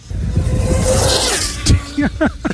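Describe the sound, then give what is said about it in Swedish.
A high-speed radio-controlled car, the Mack Reaper, a special car built by a Briton, screams past in a loud, rising whoosh while being tested for a speed record (it reached 413 km/h). The whoosh peaks and fades, followed by a sharp bang and people talking excitedly. “Och jag hittade ett klipp på YouTube när de håller på att testa den här bilen. Hör på den.”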